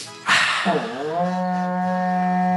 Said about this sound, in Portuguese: Toca o berrante para nós aí